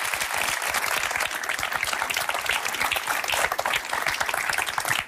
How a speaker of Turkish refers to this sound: Bir alkış. Bir alkış.